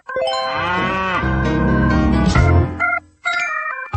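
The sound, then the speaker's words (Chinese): A cow, a yellow cattle given away at a football match in Yanbian, China, gives a long, loud, drawn-out moo lasting about three seconds, followed by a brief pause and some steady tonal sounds, with no one talking. “延边真牛，看球送黄牛。”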